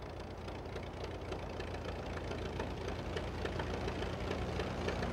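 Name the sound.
light aircraft engine running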